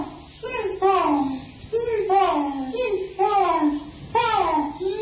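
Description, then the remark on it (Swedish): Chimpanzees at the Los Angeles Zoo calling: a run of about five loud, hooting cries, each rising then sliding down in pitch, repeating roughly once a second with no human talk. “Det här är schimpanserna vid Los Angeles djurpark innan de lyssnat på Mattias Nyström.”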